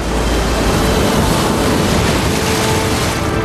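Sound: ocean waves crashing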